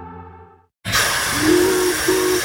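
A steam locomotive lets out a loud, sustained hiss of steam that starts abruptly after a brief silence, with a faint whistle-like tone rising through it; no one speaks.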